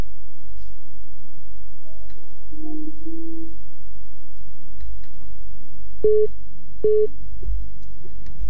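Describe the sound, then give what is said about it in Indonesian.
Telephone line tones over a low hum from an incoming call to a radio call-in show that cannot be heard clearly because of a delay: a few brief, quieter tones early on, then two loud, sharp beeps about a second apart, like a busy signal. “Oke, ini kita sedikit delay ya, sehingga telepon yang masuk juga sayang sekali tidak bisa saya dengar suaranya dengan jelas.”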